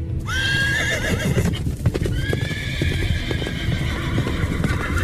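A horse-drawn chariot bringing Prince Udayakumaran, with soldiers raising a call announcing his arrival, rolls along with a steady rumble of hooves and wheels, while two high, drawn-out whinnies ring out over the clatter. No one speaks.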